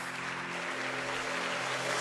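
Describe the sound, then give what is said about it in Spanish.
A crowd of worshippers claps steadily and loudly for God, a dense wash of many hands filling the whole stretch, with a low droning hum running beneath it. “Los adoradores, denle un aplauso a Dios. Dáselo fuerte.”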